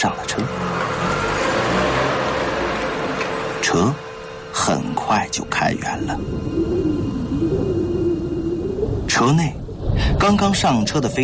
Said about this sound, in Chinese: 正说着，一辆车开了过来，代号“猴子”的地下交通员探出脑袋，示意他上来。飞刀点点头，迅速上了车。车很快就开远了。